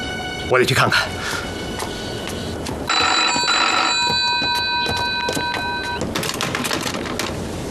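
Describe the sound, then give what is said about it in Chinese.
A telephone call to the Second Regiment rings on and on with a steady, bright tone for about three seconds while nobody answers, framed by brief clattering bursts before and after. “喂，接二团，电话没人接。 再打。 电话还是没人接。”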